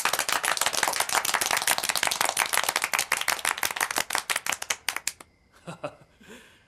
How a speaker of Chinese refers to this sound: 现在开会，首先欢迎地空导弹2营4营的同志们。这掌声不那么热烈嘛，再欢迎一次。